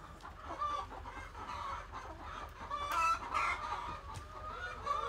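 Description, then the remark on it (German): A flock of chickens, kept under protective catch nets, clucks and chatters continuously, several birds calling over one another, with short higher squawks rising out of the steady, busy murmur. “Wenn wir jetzt die Fangnetze nicht da und da haben würden, würden die direkt auf Hühner losgehen.”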